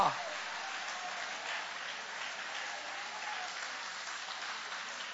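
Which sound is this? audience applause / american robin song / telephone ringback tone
audience applause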